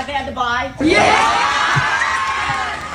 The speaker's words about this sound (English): Wow. All the kids cheering him on.